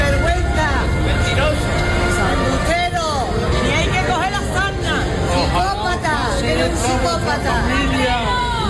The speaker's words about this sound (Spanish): A gritos de sinvergüenza ha recibido Ceuta a Marlaska a las puertas de la delegación del gobierno.